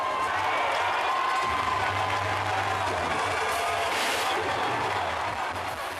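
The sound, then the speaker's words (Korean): A large crowd roars and cheers continuously at a baseball game as the home team pulls three runs further ahead and water jets burst like celebratory cannons, a dense wash of voices and clapping that stays loud and steady throughout, with no single voice standing out. “축포처럼 터져나오는 물줄기에 너나 할 것 없이 환호를 보냅니다.”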